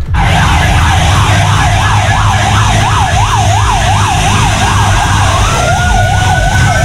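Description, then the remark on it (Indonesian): Loud wailing sirens from one fire truck and one ambulance following behind it sweep rapidly up and down together over the steady rumble of traffic and engines as they pass, heading west to east along Terusan Sulfat toward a fire. “Oke, nampak ada satu unit damkar ya, kemudian ada satu unit ambulan juga yang mengekor di belakangnya.”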